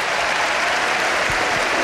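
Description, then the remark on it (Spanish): Steady audience applause for Jan Montero fills the whole stretch, a dense wash of many hands clapping at an even loudness with no voices standing out. “El aplauso para Jan Montero, claro que sí.”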